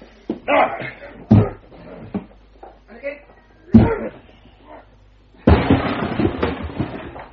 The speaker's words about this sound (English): Watson, I shall need your shoulder to help break down the door. Stand away, Miss Hunter. You ready, Watson? Ready.